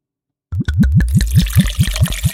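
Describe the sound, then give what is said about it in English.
Pusser's British Navy rum glugs out of a bottle as it is poured, in a quick, steady series of about a dozen hollow gulping pulses, fairly loud, with a splashy trickle underneath and no talking. “Oh, that's a euphonious glug. Lovely. That's a Pusser's rum.”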